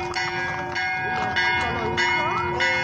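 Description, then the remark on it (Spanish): Church bells ring loudly and steadily at the San Roque festival in Nueva Esperanza, Argentina, during a parade of horses. A new strike comes about every half second over a lingering metallic hum, with a faint murmur of voices underneath. “Y el sonar de las campanas de la iglesia.”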